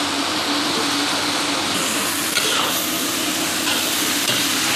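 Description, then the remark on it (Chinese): Steady, dense sizzling of fish being stir-fried in a hot wok after Sichuan peppercorns, cooked until the salt flavour is absorbed, with scraping stir strokes layered over the crackle; loud, continuing without pause and no voices. “它这个鱼要炒到一种什么样的程度啊？ 只要是把这个盐味炒进去就行了。”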